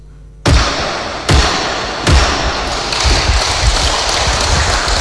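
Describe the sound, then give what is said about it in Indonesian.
A gavel bangs three times to close a Kaimana Regency council session on the 2026 regional budget amendment: loud heavy thuds spaced under a second apart, and after the last strike a steady, noisy wash of sound continues without pause. “Dengan ketukan palu 3 kali.”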